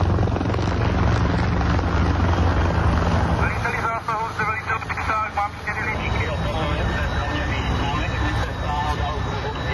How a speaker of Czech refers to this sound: Letí nám sem vrtulník s bambivakem.